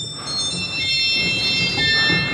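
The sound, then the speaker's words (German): Shrill, high-pitched, squeaky church organ stops, out of tune and pitched too high, hold a steady, slightly sour-sounding chord, with piercing sustained tones over a faint low rumble and no voices. “Und viele Register klingen auch einfach schief und sind zu hoch und quietschig.”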